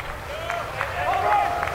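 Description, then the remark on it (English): A loud, steady roar of a stadium crowd of Florida State Seminole baseball fans, with cheering voices blending into a continuous wash of noise and a few scattered claps rising and falling. “And they are loud so far, and Florida State's going to need their help here in this one, trailing 4-0 here in the first.”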